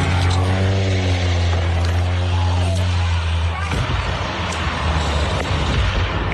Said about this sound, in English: Social media sound of a seaplane going down off the coast of Washington State, about 90 miles north of Seattle. The plane burst into flames when it hit the water, but the 10 passengers and pilot were all rescued.